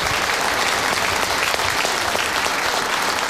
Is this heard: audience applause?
yes